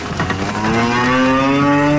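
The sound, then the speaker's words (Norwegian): A cow gives a long, drawn-out moo, loud, with a deep resonant tone that holds steady and rises slightly, as cows are let out of the barn after a long winter on a farm in Bardu, Troms, set against faint outdoor background noise. “For etter en lang vinter inn i fjøsen, kan kyren til bardubonden Ole Petter Melhus kjenne frisk rest under føttene igjen.”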